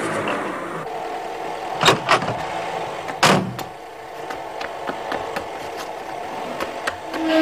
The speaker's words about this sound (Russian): выгоняет из гаража машину.